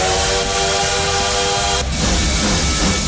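A loud bullet train roars past, a steady horn-like tone sounding over the rushing noise before cutting off abruptly, leaving a broad hissing rumble.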